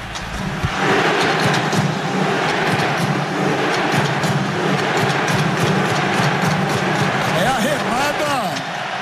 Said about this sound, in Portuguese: E olha, eu falar, nesse exato momento que começa a remada dos torcedores noruegueses aqui, onde tem uma camisa vermelha, tá tendo a remada. Olha, é muito legal, cara. Olha lá, vamos ouvir.